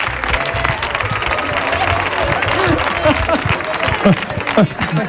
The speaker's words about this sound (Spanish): Vamos a darle un aplauso